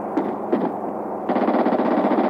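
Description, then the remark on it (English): Two sharp gunshots ring out, followed by a rapid, sustained burst of automatic gunfire, loud and continuous with a rattling, metallic rhythm. “Someone's shooting.”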